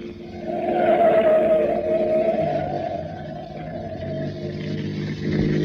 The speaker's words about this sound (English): Now, take that turn fast. I don't want to lose track of that truck. Hold on, sir. Here we go.